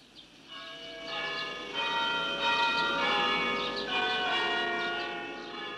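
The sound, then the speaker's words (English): The clock bells of Derby's cathedral ring out a slow tune at 9 o'clock in the morning, each clear, resonant strike overlapping the humming decay of the last, growing louder and then fading slightly toward the end. “Derby is not a city, but it has a cathedral. Its clock plays a tune at 9 o'clock each morning.”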